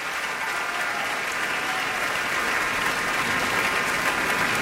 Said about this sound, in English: He's applauding the orchestra.